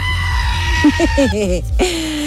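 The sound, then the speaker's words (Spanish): A goat screams in a rapid series of short, wavering bleats that rise into one longer, strained cry at the end, loud over a steady background hum. “ponme a la cabra gritona.”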